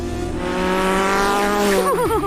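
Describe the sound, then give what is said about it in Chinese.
A motorcycle ridden by a blue dog revs loud with a steady rising whine, then tires squeal in a wavering skid near the end, with no one talking. “骑摩托车”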